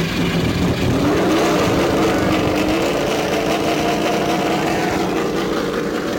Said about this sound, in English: As the race car pulls out, remember that these laps under yellow will count.